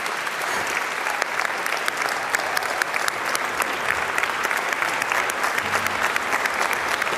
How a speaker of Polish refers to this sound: I oczywiście oklaski dla was.